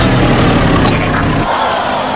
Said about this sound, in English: Cal puts his foot down. His engine blows and he veers off into the side.